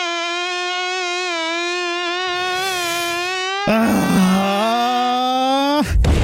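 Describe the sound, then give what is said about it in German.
A thin, whining mosquito buzz drones steadily with a slight waver, then suddenly grows louder partway through, cutting out briefly just before the end and returning. “Es kann doch echt nicht sein, dass meine Freundin keinen einzigen Mückenstich abbekommen hat, während ich schon fast 20 am ganzen Körper zähle.”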